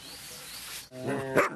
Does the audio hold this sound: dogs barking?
yes